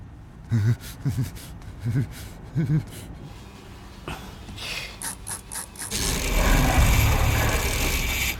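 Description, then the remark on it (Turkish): The dial of a Swedish-made computerized mechanical combination lock with 8 layers and over 4 million combinations turns with a run of small ratcheting clicks, after brief vocal sounds and before a steady, louder rushing noise takes over. “Bu bir İsveç yapımı bilgisayarlı mekanik kilit. 8 katmanlı ve 4 milyondan fazla kombinasyonu var.”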